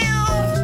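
A single drawn-out cat meow, close and fairly loud, with a clear tonal wail that bends in pitch before trailing off, heard on its own without any talking.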